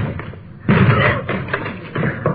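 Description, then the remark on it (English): A locked door is forced open by police officers: a loud, heavy crash followed by several more thudding bangs and rattles at uneven intervals, with no talking. “Door's locked. Let's hit it.”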